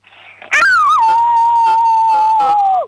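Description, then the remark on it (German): A six-year-old child from the state of Vorarlberg imitates a wolf howl as loudly as possible: one loud, sustained, steady wail of about two seconds that starts with a sharp rise and slides down at the end. “So, und jetzt hätte ich gern, dass du heulst wie ein Wolf, aber so richtig laut.”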